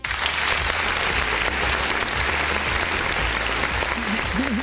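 Steady, dense applause from a crowd, many hands clapping continuously at an even loudness for several seconds, with a faint voice briefly audible near the end.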